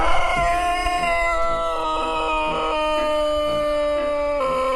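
A long-crowing Sandžak rooster from Serbia, in an open-air chicken area, crows in one very long, drawn-out call, holding a steady, loud, nasal tone for several seconds before dropping slightly at the end, with no talking.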